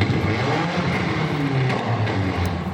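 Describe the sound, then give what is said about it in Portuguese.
A car engine revs loudly and steadily, its deep rumbling roar rising and falling in pitch as the throttle is worked, while the driver performs dangerous maneuvers in the early morning hours, filmed by residents. “Estas imagens foram feitas por moradores, mostrando a condução perigosa do veículo pelo motorista e o excesso de barulho feito pelo carro.”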